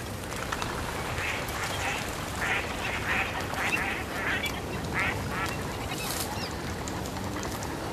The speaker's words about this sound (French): Une famille de colverts passe.